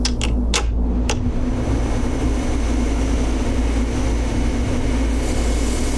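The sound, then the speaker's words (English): Steady mechanical hum and a constant airy hiss from habitat module systems, droning evenly throughout, with a few sharp clicks in the first second. No one speaks. “The hiss and hum of the habitat module's systems are a cacophony of noise.”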